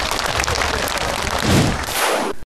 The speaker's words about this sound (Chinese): 非常好啊，对，再给他一个掌声。